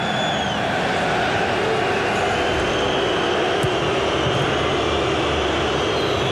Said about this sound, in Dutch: Dat zijn de supporters van Slavia. Die u hoort. En tussen de fluitjes van het thuispubliek. In deze geweldig grote bak gaan die wel een beetje verloren, maar vraag me af hoeveel volk er zit.